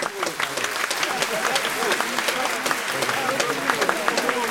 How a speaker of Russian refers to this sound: Овация продолжалась несколько минут